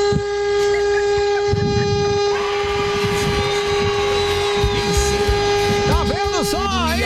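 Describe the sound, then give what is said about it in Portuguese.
A car horn blares in one long, loud, unbroken tone lasting about seven seconds, with people talking underneath and some wavering, warbling sounds creeping in near the end. “Que buzina horrível, velho. Buzina aí, meu filho.”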